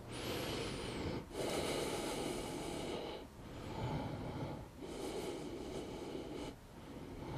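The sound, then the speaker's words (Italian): Slow, deep breaths, each long airy inhale and exhale flowing into the next with short pauses between, about four cycles with no talking, taken while holding still and resting for ten breaths after finishing ten exercise repetitions. “E sono fermo per 10 respirazioni, mi ascolto.”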